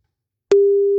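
After a moment of silence, a steady, fairly loud telephone tone switches on with a faint click and holds one even pitch, like a line ringing on a call. No one speaks.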